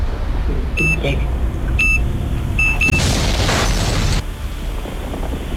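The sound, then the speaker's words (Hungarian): Three short electronic beeps sound at steady intervals, the last one doubled, and then a loud, rushing explosion roars for about a second before cutting off, leaving a low rumbling background. “Tehát közben volt egy robbanás”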